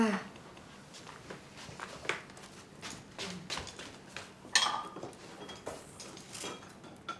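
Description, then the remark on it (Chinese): Bowls and chopsticks being set out for breakfast: a steady run of light clinks and clatters, irregular and busy, with one sharper knock midway and faint murmuring in the background. “去备上碗筷。”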